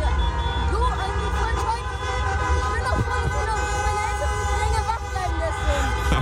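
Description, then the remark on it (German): Car horns honk continuously in a motorcade in Wuppertal, several overlapping blasts of different pitches over a steady rumble of engines, with a crowd's chatter and shouting mixed underneath. “Was sagst du zum Autokorso hier?”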